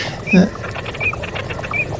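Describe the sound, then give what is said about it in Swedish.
A jack snipe's display call: a steady, muffled galloping rhythm of low pulses, with a short, higher squeaky note recurring about every second. The call stays fairly soft throughout. “Och har vi inte dvärgbeckasinen? Ja, det är bakgrunden.”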